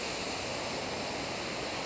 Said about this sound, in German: Sie hat es nicht so gerne mit dem Wasserstrahl.